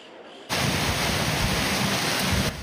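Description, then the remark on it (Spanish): A sudden, loud roar of an intense thunderstorm in Solsona, Catalonia: hailstones up to 5 centimetres and heavy rain hammer down in a dense, steady wash of noise for about two seconds, then ease off. No voices. “Y esto es Solsona, en Cataluña, donde una intensa tormenta ha dejado granizo de hasta 5 centímetros.”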